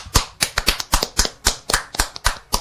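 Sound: clapping hands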